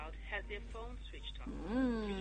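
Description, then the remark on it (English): A phone call reaching a switched-off phone: a recorded voice speaks over a thin, narrow telephone line, ending on a drawn-out, rising inflection. “They've got their phone switched off.”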